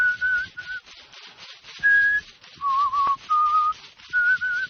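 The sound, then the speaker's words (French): A man whistles a series of short, breathy melodic phrases with brief pauses between them during a healing ritual, over a faint hiss and soft rustling in the background. “L'homme siffle.”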